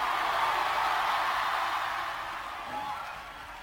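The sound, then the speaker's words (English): A dense wash of crowd noise, many hands clapping together with loud overlapping shouts of hallelujah from a large gathering, sustained throughout and tapering slightly toward the end. “Clap your hands and scream hallelujah.”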